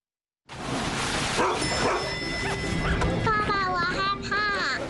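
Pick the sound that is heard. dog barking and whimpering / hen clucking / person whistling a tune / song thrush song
dog barking and whimpering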